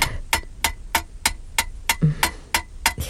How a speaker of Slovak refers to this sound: Keď rytmus vykúvaného ostria hovorí jasnou rečou... Smrti? Nie, rečou života, pani.